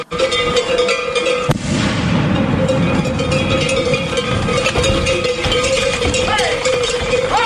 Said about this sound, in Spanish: Así ha sonado el encierro de hoy en Pamplona. Hoy era el turno de la ganadería Cebada Gago, una de las más temidas por la fiesta, por la fiereza de sus toros, y en los 2 minutos 26 segundos que ha durado se han producido 3 heridos.